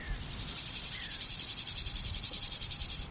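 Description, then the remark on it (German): A dense, steady chorus of many grasshopper species chirping on the former taxiway of Tempelhofer Feld, black concrete slabs with grasses and flowers between them, in full sun; a high buzzing shimmer pulses rapidly and continuously before cutting off abruptly near the end. “Genau, das ist jetzt das, wo die ganzen Heuschrecken sind.”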